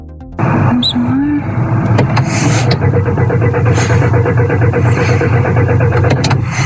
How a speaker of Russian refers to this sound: Сбрасываю просто на старт. И теперь со второй попытки заводим. Со второй завелась.